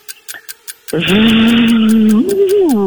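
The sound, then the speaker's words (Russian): A voice imitates a buzzing fly with a loud, steady droning hum that lifts in pitch near the end, while a regular ticking runs throughout and a few soft clicks come before it. “Жужжание мухи.”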